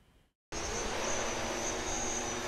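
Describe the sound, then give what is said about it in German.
After a brief moment of near silence, an autonomous transport drone carrying patients' blood samples sets off from St. Josef hospital in Essen toward a medical lab 8 kilometres away. Its loud, high-pitched whirring bursts in and holds steady, a dense buzzing of spinning rotors. “Mit lautem Getöse macht sich das neue Transportmittel auf den Weg.”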